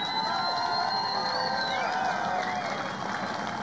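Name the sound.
rally crowd cheering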